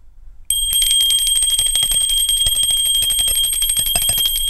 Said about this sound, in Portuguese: Tá na hora, começando a hora do recreio. No meu grupo escolar tinha um sininho no corredor e a faxineira, a moça lá que batia o sininho, eu ficava acompanhando, as janelas da sala davam pro pátio e a gente via os corredores, né?